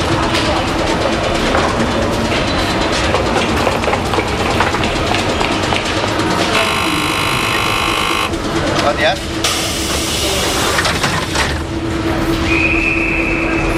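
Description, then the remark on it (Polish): A local passenger train from Kielce pulls away from track 3 at platform 3 of a station with a steady, loud rumble, broken by two long bursts of hissing, screeching noise and a high whine near the end. Voices murmur underneath. “O, i pociąg odjechał”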